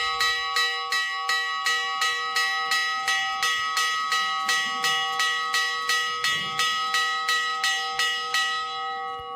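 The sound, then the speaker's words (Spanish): A church bell in the abandoned walled village of Granadilla, in northern Cáceres province, Spain, rings rapidly and steadily to announce the closing of the gates: about twenty quick, evenly spaced strokes whose bright metallic tone hangs and overlaps. It is loud, with no voices. “Así suena la campana que avisa del cierre de puertas, del momento en el que se enclaustra una vez más el viejo municipio de Granadilla, en el norte de la provincia de Cáceres.”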